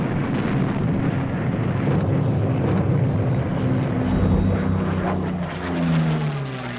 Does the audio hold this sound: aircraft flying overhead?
yes